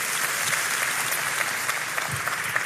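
A crowd applauds steadily to welcome a guest, a general medical doctor, at a pastor's gathering, a dense, continuous patter of many hands clapping at once, sustained and fairly loud throughout with no voices standing out.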